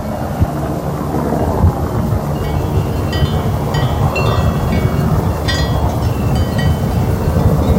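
A Swiss Helicopter helicopter roars steadily overhead on the Alp Farur, transporting 15 water tanks to over 2300 metres for the animals. Its deep, loud rumble holds constant throughout with a faint rhythmic chop and some higher whine on top. No one speaks.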